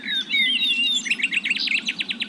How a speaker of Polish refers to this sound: Powietrze jest wilgotne, to ten dźwięk się rozchodzi dużo lepiej. Dlatego wiele ptaków śpiewa właśnie bardzo wcześnie rano, a niektóre śpiewają po prostu w nocy.